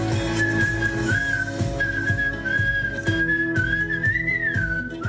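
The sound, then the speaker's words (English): A person whistles a message as part of a WhatsApp messaging craze in Brazil: a steady, wavering melodic line sustained over several seconds with slight pitch slides and brief breaks, over a dense low background hum. “a new WhatsApp messaging craze bears witness to the attraction of whistling.”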